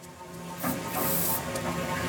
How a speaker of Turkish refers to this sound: Ses geliyor. Köpürme sesi mi, tıslama sesi mi? İkisi de. En azından blup blup sesi geliyor.